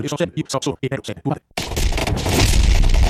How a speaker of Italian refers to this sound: Sì, qua le esplosioni, lo scontro, sì, vai.